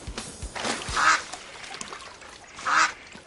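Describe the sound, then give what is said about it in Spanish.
A duck quacks twice, loud, nasal calls about a second apart with a gap between them, with no talking. “Esta vez sí es un pato.”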